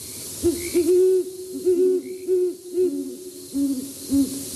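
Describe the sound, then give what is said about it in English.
A female and male pair of owls with feather-tuft horns hoot back and forth in a rhythmic courtship duet at night in a city neighborhood, their deep, syncopated, rounded, tonal calls overlapping and alternating, with no other voices present. “A female and male pair often join in a duet to begin their courtship. It's a nighttime concert like no other.”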